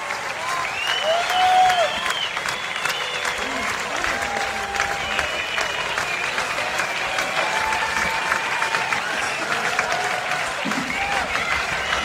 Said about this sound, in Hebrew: זה המחיאות כפיים, לא פוסקות. כל הקהל מתרגש ועומד על הרגליים.